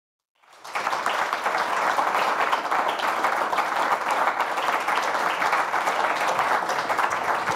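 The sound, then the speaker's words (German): Sustained audience applause for a performer called up to the front starts abruptly after a brief silence and holds steady and full for several seconds, a dense wash of many hands clapping with no talking. “Komm zu uns nach vorne und der Applaus hält, bis du die Schlange durchläufst.”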